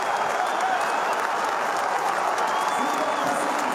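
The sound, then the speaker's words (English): A large crowd of Power football fans at Adelaide Oval applauding and cheering at halftime, a standing ovation for a two-goal lead, in a steady, dense roar of claps that stays loud and unbroken throughout, with no individual voices standing out. “Genuine standing ovation at the major break for a two-goal lead.”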